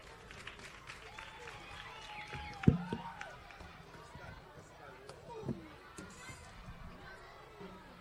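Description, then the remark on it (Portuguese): An audience applauds in a steady patter of clapping, mixed with crowd murmur and a couple of dull thumps. “Uma forte salva de palmas.”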